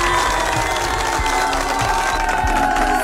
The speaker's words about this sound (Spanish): Bueno, antes, un aplauso para ustedes que votaron por este artista y por esta canción.